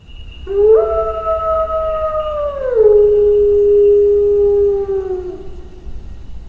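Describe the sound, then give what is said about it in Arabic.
A single long wolf howl rises at the start, holds a steady tone, then slides down in pitch before fading, ringing out clearly on its own with no voices. “هناك قصص لا حصر لها عن قوة القمر، أولئك الذين يتحولون إلى ذئاب خلال القمر الكامل وما شابه ذلك.”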